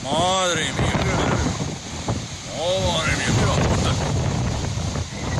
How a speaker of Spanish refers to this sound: este que escuchamos ahora es el del viento